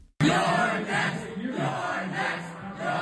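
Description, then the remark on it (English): A crowd at a watch party for House candidate Claire Valdez chants "You're next" together in a loud, rhythmic group shout at a TV interview with House Speaker Hakeem Jeffries, rising suddenly after a brief silence and continuing with steady pulsing emphasis. “The crowd started to chant.”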